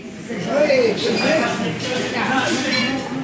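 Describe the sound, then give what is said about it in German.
A busy corner restaurant in the ABC industrial belt around São Paulo, Brazil, with tiled floor, photos on the walls and wooden tables, with a steady murmur of overlapping voices and repeated light clinks of dishes and cutlery scattered throughout, moderately loud and continuous. “Ein Eckrestaurant im ABC, wie der Industriegürtel rund um Sao Paulo genannt wird.”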